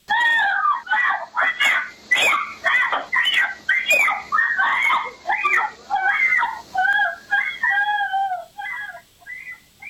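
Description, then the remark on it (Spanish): A 9-year-old girl screams for help in repeated high, anguished bursts as her mother tries to take her, on July 24 at about 3:16 in the afternoon, one after another with brief gaps, loud, with no other sounds behind her. “Vamos a escuchar un pequeño fragmento de los gritos de la niña cuando está tratando de pedir ayuda.”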